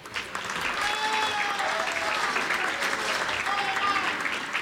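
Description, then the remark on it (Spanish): An audience at an event attended by Zacatecas state officials claps steadily in sustained applause for Dr. Oswaldo Pinedo Barrios, Zacatecas Secretary of Health, a dense, even wash of many hands that holds at a fairly loud level throughout, with faint voices mixed into the crowd noise. “Le brindamos un fuerte aplauso al doctor Oswaldo Pinedo Barrios, quien es el secretario de Salud y director general de los Servicios de Salud.”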